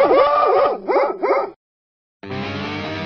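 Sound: dog barking and yipping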